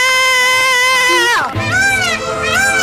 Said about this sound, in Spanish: El primero es el grito de una manifestante.